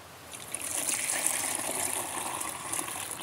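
A steady stream of liquid manure containing rock flour is poured, 1 liter into 10 liters of water, for fertilizing fruit trees and berry bushes, a continuous hissy gush with bright high-pitched spatter that holds even for about three seconds, with no voices.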